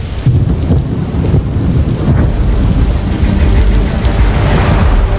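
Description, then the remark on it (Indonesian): A thunderstorm with heavy rain pouring steadily, a dense hiss of rainfall over deep rolling rumbles of thunder, loud throughout with no voices. “Hujan yang tiba-tiba terjadi dengan intensitas yang tidak menentu seringkali mengganggu aktivitas harian kita”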